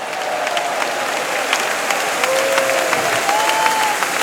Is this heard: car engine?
no